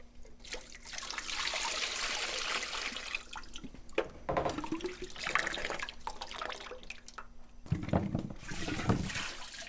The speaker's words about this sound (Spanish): Ahora le vamos a tirar el agua a nuestras pacayas para que se nos haga más fácil la limpiadita de la cáscara. Un poco de agua fría para que más rápido la podamos trabajar, porque hay que pelarla y picarla, pues.